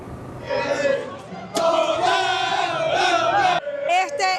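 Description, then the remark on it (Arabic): A dense crowd of Spanish football supporters around the stadium in Dallas chants and cheers loudly and continuously, celebrating Spain's national team reaching the World Cup final, many voices singing together in sustained, rising calls with a brief break midway before the roar resumes. “ومن محيط ملعب دالاس حيث احتفلت الجماهير الإسبانية بوصول منتخب لاروخا إلى المباراة النهائية، أهازيج وأعلام إسبانية احتفاء باستمرار الرحلة الإسبانية حتى المحطة المونديالية الأخيرة في نيويورك.”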